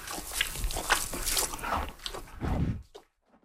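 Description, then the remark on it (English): A mare munches steadily, pulling hay through a tiny hole in a slow-feeder net: irregular crunchy chewing and rustling bursts, fairly loud, fading out to near silence at the end. “This horse is eating through a tiny little hole, also because she needs to slow down the consumption.”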